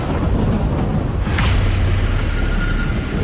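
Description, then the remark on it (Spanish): A loud thunderclap cracks through steady, heavy rain and wind during a powerful storm on a mountain, as six young hikers and an instructor climb toward the summit of Mount Tritrans, followed by a deep rumbling roll that lingers under the continuous storm noise. “Lo hacen bajo una poderosa tormenta.”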